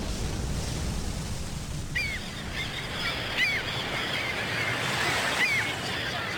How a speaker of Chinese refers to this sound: 这是大海军港，大军舰